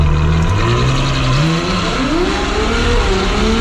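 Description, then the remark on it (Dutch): A Ferrari sports car engine roars loudly, its pitch climbing as it revs, dipping briefly, then surging upward again in a continuous throaty howl with no voices. “Het ging om een wagen die €550.000 moet gaan kosten. En daarvoor krijg je niet dit gebrul.”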